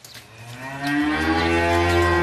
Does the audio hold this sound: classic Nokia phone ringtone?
no